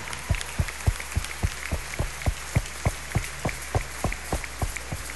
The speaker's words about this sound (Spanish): Un aplauso de corazón para nuestra excelsa patrona, la Virgen.